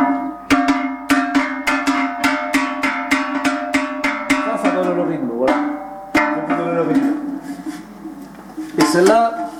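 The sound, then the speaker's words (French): A livestock breeder's cattle bells at la Garrigue clang in a quick, steady rhythm of loud metallic strikes with lingering ringing tones, then slow to a few irregular clanks toward the end; no one speaks. “Moi j'ai pas l'oreille musicale, mais après j'ai l'oreille pour les cloches.”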